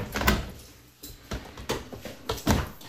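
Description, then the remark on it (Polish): A dishwasher door is pulled open with a loud clunk to unload it after a finished wash, followed by a few more clattering knocks and rattles spaced out over a couple of seconds, with no voices. “Rozładuj zmywarkę, bo już się wyprała.”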